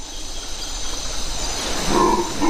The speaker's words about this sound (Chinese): 咆哮声来自另一种猴子，吼猴。他们嘶哑的叫声能传到5公里之外，还没看到吼猴的时候，就能听到他们的叫声。在清晨的雨林里，吼猴的叫声此起彼伏。这种体型较大的猴子是叫声最大的灵长类动物之一。